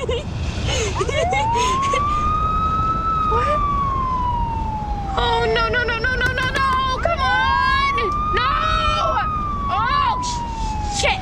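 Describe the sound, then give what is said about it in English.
A loud Louisiana State Trooper police car siren wails in slow rising and falling sweeps on a dark, empty highway as the police car pulls over a speeding car and parks behind it, breaking briefly into rapid yelping bursts, then returning to the wail, over a steady low rumble of road noise. “Tree pulls to the side of the road and a police car parks behind her.”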